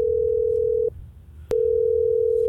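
A steady, loud telephone dial tone hums at a single pitch as a Hot 104.9 radio show in Tallahassee places a call. It cuts out briefly with a click, then resumes; no one speaks.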